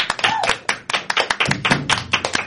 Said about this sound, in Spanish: Que se escuche ese aplauso. Hoy tiene que escucharse, por favor.